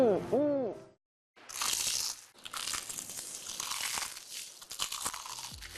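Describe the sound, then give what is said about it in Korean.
A brief hooting vocal tone, a short pause, then several seconds of loud, irregular crunching as crumb-coated crispy fried chicken, Keukeukeu Chicken, is bitten and chewed. “크럼프를 입혀 크런치하고 크리스피하다. 크크크 치킨. 바삭함의 끝판왕.”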